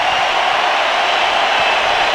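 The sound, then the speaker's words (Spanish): A stadium crowd roars in a sustained ovation for footballer Julián Quiñones, a loud, dense wash of cheering and applause that holds steady without breaks for the whole stretch, with no single voice standing out. “Los dejo para que escuchen la ovación a Julián Quiñones.”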